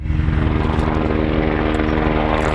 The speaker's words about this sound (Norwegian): Et brannhelikopter pøser vann utover nasjonalparken Cairngorms.